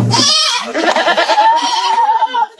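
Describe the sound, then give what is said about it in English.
A goat at a mobile petting zoo in Harmony bleats loudly, a long wavering cry lasting a couple of seconds with a trembling, nasal quality before trailing off. “These goats are my life.”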